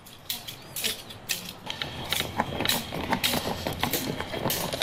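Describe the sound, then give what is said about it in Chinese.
Rapid, rhythmic tapping of dance sticks with strings of copper coins added at their tips, used in the Luzhi 'da lianxiang' stick dance, sharp clacks mixed with bright metallic jingles, steady throughout with no talking. “人们发现敲打的力度和身体不同部位竟能形成一种悦耳的节奏感，于是她们不断总结和改良，并在棍棒顶端加入铜钱串增强节奏感，最终形成了特色鲜明、独具趣味的鹿之打莲香。”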